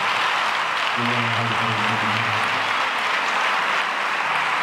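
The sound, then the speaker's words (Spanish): A crowd at Minuto de Dios in Medellín claps steadily and loudly throughout for the Holy Spirit, the dense applause of many hands, with a low sustained tone, like an organ or keyboard, briefly sounding underneath early on. “Dele un aplauso al Espíritu Santo.”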